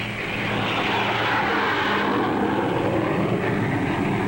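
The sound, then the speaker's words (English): A steady, loud roar of an airliner's engines, a broad rushing noise with a low droning hum underneath, holding constant throughout without any voices. “Huge airliners carry into the sky each day an ever larger tonnage of cargoes and passengers.”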